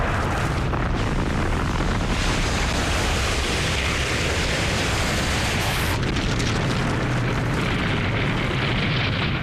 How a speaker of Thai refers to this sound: จากนั้นยังมีการปะทุของภูเขาไฟและการพุ่งชนของอุกกาบาตด้วย